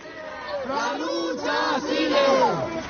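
A crowd of hundreds of protesters in Madrid, marching toward the Parliament, chants "the struggle continues" in unison. Their voices rise and fall in repeated rhythmic phrases, loud and sustained, with a rough, shouting quality throughout.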